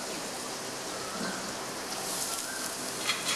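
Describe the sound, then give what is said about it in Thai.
Steady, hissing sizzle of ginger and garlic frying in a wok, a dense crackling wash with small pops scattered through it, continuous and fairly quiet, with no voices. “จากนั้นนะครับเราจะใส่ขิงใส่กระเทียมลงไปผัดนะครับ”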